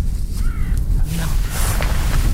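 A red kite calling in the Pyrenees, among forest and mountains: a few thin, high whistled notes, brief and fairly faint, over a steady heavy low rumble. No one speaks.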